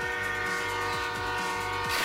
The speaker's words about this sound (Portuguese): Ou estares perto de uma linha de comboios e passar um comboio a apitar?